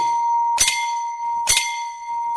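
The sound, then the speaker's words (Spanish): A radio time signal: a steady, continuous mid-pitched tone with two bright, ringing chime strikes about a second apart. No one speaks. “Radio El Rocío, en los 1370 kHz en amplitud modulada, le informa la hora. 16 horas, 48 minutos. 1370 kHz en amplitud modulada. El Rocío, Biblián o Bíbila, Ecuador. Inicio de tiempo.”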